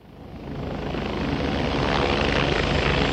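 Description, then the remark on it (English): A Coast Guard helicopter roars steadily in Louisiana after Hurricane Katrina, its rotor chopping in a fast rhythmic thump beneath a dense engine whine, growing louder. No one speaks. “Hours after Hurricane Katrina had passed through Louisiana, a man named Marty Bamunde stepped off of a Coast Guard helicopter.”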